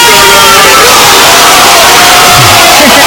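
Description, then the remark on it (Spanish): A dense crowd roars and shouts continuously for a few seconds, shouting along with commentator Manolo Lama's narration, a loud, unbroken wall of cheering with a single voice faintly rising and falling above the din. “El que lo narraba era Lama y los que lo gritaban eran todos los demás, la voz de Manolo Lama, sí, exacto,”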